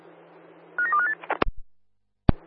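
A quick run of about five telephone keypad tones as someone dials a call, clear, followed by a couple of sharp clicks and, after a brief silence, one more loud click. No one speaks.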